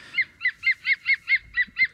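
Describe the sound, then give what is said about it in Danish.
A green woodpecker's laughing call: about nine loud, evenly spaced, ringing notes in a steady rapid series, with no other sounds and no talking. “hvad er det, vi hører her? Det er jo grønspætten.”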